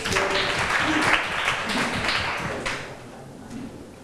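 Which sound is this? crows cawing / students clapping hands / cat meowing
students clapping hands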